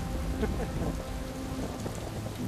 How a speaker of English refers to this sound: And then within a few days, it started rocking and rolling, and then we got stuck in a storm. Oh, it's a storm!